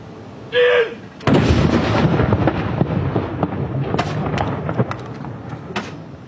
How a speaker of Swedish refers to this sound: Kyrkklockor och salut. Smällar hör vi från Norge efter att kung Harald den femte avlidit.